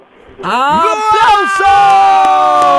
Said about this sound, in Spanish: ¡Aplausos! ¡Qué bonito! Hermoso, ¡qué bonita voz!